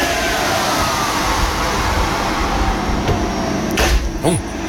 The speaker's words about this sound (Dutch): Het opwarmen van de oven voor de worstenbroodjes. Ai, de worstenbroodjes, daar zijn ze weer. En wat een lawaai maakt die oven, zeg. Het is een flinke oven, volgens mij. Ja, volgens een industriële, zo klinkt het.